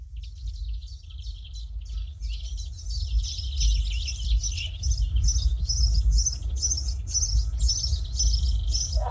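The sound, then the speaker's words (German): Birds wake and chirp at dawn in quick, repeated bursts of high, bright tweets that build in intensity, layered over a steady low rumble, with no voices present. “die Vögel werden wach.”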